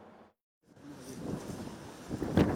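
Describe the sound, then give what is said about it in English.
Gusty wind of a dust storm in Omdurman, Sudan, roars and buffets the microphone, dropping out briefly before surging back with rumbling low-end blasts and hissy turbulence, swelling louder toward the end. No one speaks. “The dust storms of Omdurman have become familiar for Hamza and his family.”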